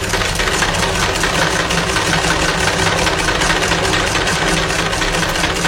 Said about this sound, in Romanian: Când s-a sculat, s-a așezat la mașină și a început să lucreze. Eu m-am trântit puțin pe fotoliu și m-a furat somnul. Încercați și dumneavoastră să dormiți când vă țăcăne o mașină de cusut în cap